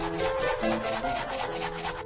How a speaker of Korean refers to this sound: 이건 무슨 소리죠? 신발 닦는 소리 아닌가요? 아하, 설마 했는데 이게 양치질 소리라고요? 상하 좌우 분노의 양치질을 하시는군요.